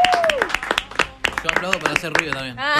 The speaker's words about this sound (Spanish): ¡Bravo! Yo aplaudo para hacer ruido también.